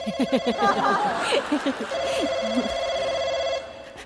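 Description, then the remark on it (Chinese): A telephone rings with a steady electronic trill that carries on for a couple of seconds, while voices and a bit of chuckling overlap it at the start. “回来接电话。”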